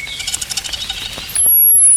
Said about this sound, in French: Grisette. Ouais, ça fait grisette, on va attendre un peu. Fauvette grisette.